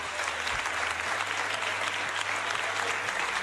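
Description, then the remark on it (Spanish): Sustained applause in the Andalusian parliament chamber as Juan Manuel Moreno Bonilla is confirmed as President of the Junta de Andalucía, a dense, steady crackle of many hands clapping at even loudness throughout, with no voices standing out. “Pues con ese aplauso de la Cámara se daba ya por anunciado que Juan Manuel Moreno revalidaba su puesto al frente de la Junta de Andalucía por 4 años más”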